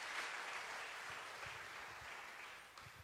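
An audience applauds Christ with all its strength, a dense wash of many hands clapping at an even loudness for the whole stretch, with no voices standing out above it.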